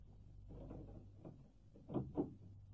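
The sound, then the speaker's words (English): A front door being opened to answer an arriving visitor: a soft rattle of the handle and latch, then two quick clunks close together near the end, over a low steady hum, with no one speaking. “I'll answer the door.”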